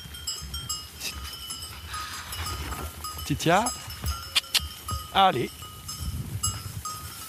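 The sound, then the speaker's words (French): A flock of sheep being herded by a dog shuffles with bells clinking steadily, the most fearful ewes moving away, two loud bleats rising above the movement while people talk and call out over it. “Les brebis les plus peureuses, elles s'en vont.”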